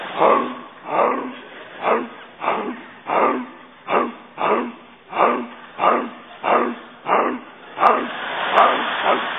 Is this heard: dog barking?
yes